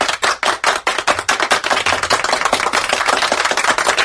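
A round of applause on the Morangão program, starting as scattered sharp claps and quickly thickening into steady, dense clapping that carries on at an even loudness, with no voices.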